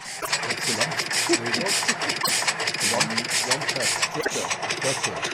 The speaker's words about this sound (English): Yeah, it's a tractor sound from 1938. Just was one cylinder. Yeah. Okay, 1938 tractor. It wasn't recorded in 1938.